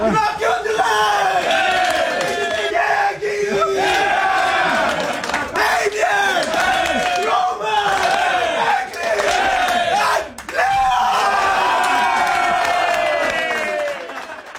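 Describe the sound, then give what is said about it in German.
Swiss ice hockey players shouting and roaring together in the locker room before a World Championship game, as the names of the starting six players are read out; loud, with overlapping yells rising in bursts and brief dips between them. “Ja, eben ein riesen Geschrei in der Garderobe.”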